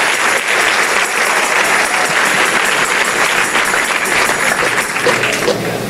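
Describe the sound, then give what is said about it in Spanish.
A crowd applauds steadily for several seconds, a dense, loud wash of many hands clapping with no pauses and no voices standing out. “Ay, Dios mío, si ese es el aplauso, dáselo más fuerte.”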